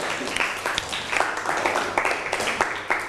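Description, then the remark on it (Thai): A group of students claps together in classroom applause for classmates who answered a question on the Four Noble Truths, a steady stream of overlapping, irregular hand claps that holds at a moderate level for about three seconds, with no voices over it. “เอาปรบมือให้กับเพื่อนหน่อยครับ”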